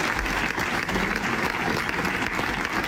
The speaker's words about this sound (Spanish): Este es el aplauso que ha roto el minuto de silencio esta mañana en la capital aragonesa en recuerdo de un bombero y un trabajador del taller de esta localidad de Calatorao y que fallecían tras caerles encima un muro de la nave.